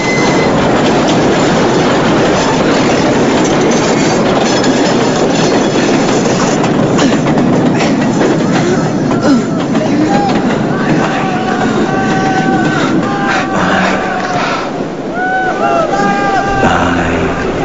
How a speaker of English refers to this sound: the train rattles and shakes the whole bridge.